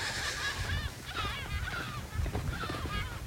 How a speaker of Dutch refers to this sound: Terwijl we uitgelachen worden door de meeuwen uit de kolonie hier vlak achter.